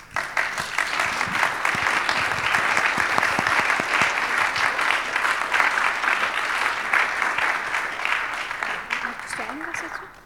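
Sustained audience applause, a dense, steady wash of many hands clapping at full volume for about ten seconds, tapering slightly at the very end.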